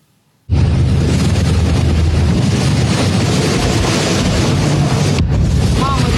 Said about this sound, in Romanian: Dronele pluteau în derivă în apropierea unei platforme petroliere. Pentru siguranța căii navigabile și a lucrărilor desfășurate în jurul platformei, a fost luată decizia de distrugere controlată prin detonare.